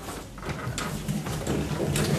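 A back door is opened, with a few soft clunks and scraping rattles of the handle and frame over a couple of seconds, fairly quiet, with no talking.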